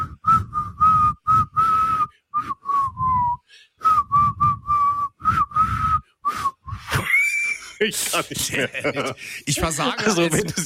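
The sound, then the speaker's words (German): A person whistles a schlager pop song melody in short, breathy, choppy notes for several seconds, then breaks off into laughter and talking. “Du versagst beim Pfeifen.”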